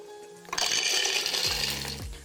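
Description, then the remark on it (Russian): A blender motor kicks in after a brief hum and runs with a loud, steady grinding roar, its low droning tone dipping and shifting as about 150 grams of unsalted roasted peanuts are churned into homemade peanut butter. “Для нее ничего практически не надо, кроме одного ингредиента. Блендер.”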